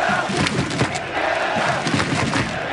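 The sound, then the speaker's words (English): A large red-and-white crowd of soccer fans roars and cheers in the streets of downtown Vancouver during a FIFA World Cup frenzy, a dense, continuous wall of shouting voices with occasional louder yells and thumps rising out of the din. “A red and white crowd took over the streets.”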